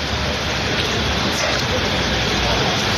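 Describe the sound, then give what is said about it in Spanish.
Steady rain pours down in Spain during a late-August storm, a dense, unbroken hiss that fills the whole few seconds, fairly loud, with no distinct drops standing out from the wash. “Ha llovido, llueve y va a seguir lloviendo.”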